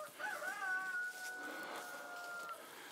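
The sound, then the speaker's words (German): A rooster crows in one long, drawn-out call lasting a couple of seconds, clear, at a mobile chicken coop, with a faint rustling farmyard background and no talking. “Erstmal mache ich das jetzt nach Augenmaß, dass die Hühner erstmal raus können nachher.”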